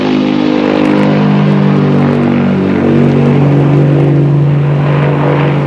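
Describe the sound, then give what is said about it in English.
An airplane takes off with a loud, continuous engine roar, a steady low harmonic drone beneath broad rushing noise, its pitch shifting slightly partway through. No one speaks. “Moments later, the plane lifts off.”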